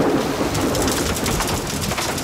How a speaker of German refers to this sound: Gewitter und Regen.